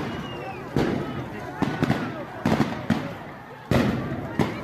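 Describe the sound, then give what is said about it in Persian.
Sharp gunshots crack out irregularly, about seven loud reports over a few seconds, some in quick pairs, echoing over a murmur of crowd voices in an outdoor street, as government security forces fire on anti-government protesters at night in Alikhani Square, Isfahan, Iran. “در آن شب ماموران حکومتی به شکل بی‌رحمانه‌ای به روی مردم آتش گشودند.”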